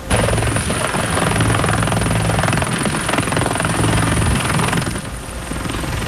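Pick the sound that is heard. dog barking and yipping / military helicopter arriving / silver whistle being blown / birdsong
military helicopter arriving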